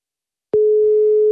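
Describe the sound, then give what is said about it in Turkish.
A phone ringback tone as a call is placed: after a short silence, one steady, single-pitched beep starts and holds unbroken to the end, fairly loud and clear, with no voices. “İki kere daha çaldırayım, kapatayım.”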